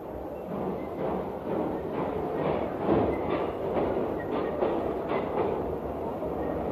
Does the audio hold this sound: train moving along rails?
yes